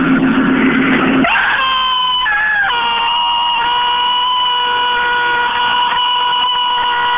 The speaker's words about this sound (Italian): Ecco, finalmente. Avete sentito questo urlo di demonio? Incredibile. È uscito fuori dal suo corpo e adesso si è liberato.